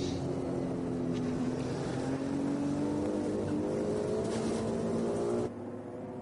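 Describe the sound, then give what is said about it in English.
A Ferrari 296 Evo race car engine drones steadily at high revs during a race, its harmonic tone climbing slowly in pitch, loud and continuous before cutting off abruptly near the end. No voices are heard. “Different noise to enjoy from the Ferrari 296 Evo.”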